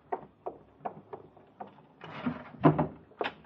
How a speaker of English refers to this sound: You pull out one of the drawers in the old bureau in the closet. Stuff the pillow inside, far to the back. Close the drawer.